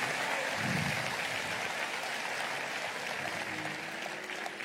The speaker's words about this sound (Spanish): Yo le daría un aplauso fuerte, fuerte, fuerte, fuerte al Señor.